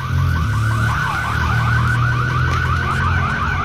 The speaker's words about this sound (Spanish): Alarmas activadas.